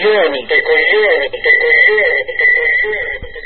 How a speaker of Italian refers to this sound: Va bene, basta con l'effetto eco.